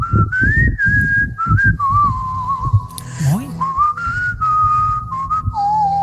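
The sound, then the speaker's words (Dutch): A man whistles a song melody in a message sent in by a radio listener, one clear tone rising and falling through a continuous tune for several seconds, with a low rumble of background noise underneath. “Heeft hij nog een berichtje gestuurd en toen ging hij zelfs fluiten.”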